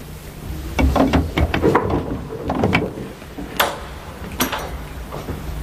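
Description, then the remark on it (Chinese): A door being opened: a cluster of wooden clunks and latch rattles, followed by a few sharper knocks as it swings, with no voices. “谁呀？ 开门。”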